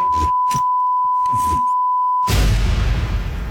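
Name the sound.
censor bleep tone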